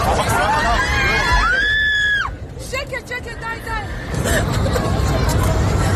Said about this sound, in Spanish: Son los gritos del pasaje de un avión que volaba ayer de los Emiratos Árabes a Israel y en el que el segundo piloto apuñaló al primero e intentó sin éxito estrellar el avión con 174 pasajeros a bordo, la mayoría israelíes.